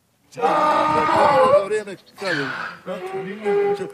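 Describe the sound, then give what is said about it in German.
A hungry donkey at feeding time, one of about 80 on a donkey farm in the village of Martinici, in the hills about 20 km north of Podgorica, Montenegro, brays loudly in a long, harsh, honking call, then two shorter rising-and-falling heehaws follow with brief gaps between them. “So klingt ein Esel, wenn er Hunger hat.”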